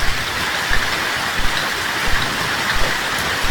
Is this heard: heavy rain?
yes